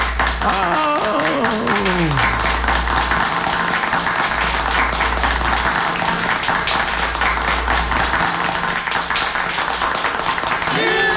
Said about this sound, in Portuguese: E bate os parabéns, bate os aplausos para o compadre José Ferreira.